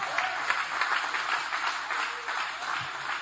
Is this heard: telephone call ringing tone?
no